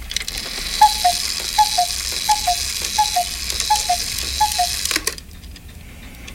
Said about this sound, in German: Das sind Kuckucksuhren.